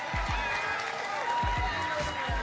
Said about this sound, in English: Y'all give them a round of applause, God dog it.